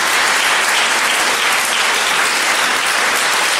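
A crowd at a debate applauds loudly and steadily, dense overlapping clapping filling the whole stretch without letup and no voices rising above it.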